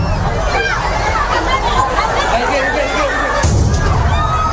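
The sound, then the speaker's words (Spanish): A dense crowd chatters and murmurs outdoors at the opening of the town festivities in Noaín, then a sudden loud firework-like explosion bursts near the end as a misfired rocket explodes on the town hall balcony, setting off other devices, followed by a rumbling roar as the crowd noise continues. “se produjo una de esas explosiones que ha dejado, como decimos, más de 40 heridos”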